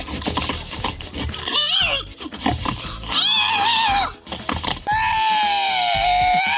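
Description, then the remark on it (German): A man imitates a pig at a pig-imitation contest in Estonia, with rapid low grunts giving way to three drawn-out, high-pitched squeals, the last one long and sustained, loud with no talking. “der hat gewonnen, deutlich vor diesem schweinigen Geräuschemacher hier.”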